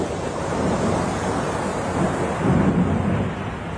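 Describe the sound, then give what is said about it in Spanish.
A stormy roar of crashing waves and wind as a sudden, very strong storm raises giant waves on a lake around a boat crossing it, steady and loud throughout, with a heavier surge of surf rumbling in toward the end. No voices are heard. “con sus amigos dentro de una barca cruzando un lago cuando de pronto se levantó una tormenta muy fuerte.”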